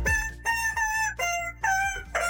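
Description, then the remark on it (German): A squeaky rubber chicken dog toy is squeezed by hand on Antenne Düsseldorf radio to play a hit song for listeners to guess, giving about five loud, nasal, reedy squeals at shifting pitches in a quick rhythm, like a tune played on the toy. No voices. “dieses Hundespielzeug, ne, das so schön quietscht, wenn man drauf rumkaut”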